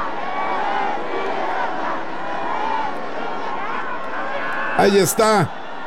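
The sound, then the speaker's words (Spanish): A large crowd in the Zócalo chants and shouts "presidenta" and "Es un honor estar con Claudia hoy" to President Claudia Sheinbaum as she says farewell, a steady roar of many voices, with a burst of loud, rising cries toward the end. “Y se escucha el grito de presidenta, presidenta.”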